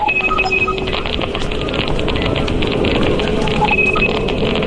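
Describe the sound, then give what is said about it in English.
Rapid crackling clicks run continuously over a dense, noisy background, with short robotic beeps at intervals: Wi-Fi signals on London streets, captured with smartphones and turned into sound for the Phantom Terrains project. Faster clicks mean higher signal strength; the beeps are router ID numbers. “Faster clicks mean higher Wi-Fi signal strength. And these robotic beeps are the router ID numbers.”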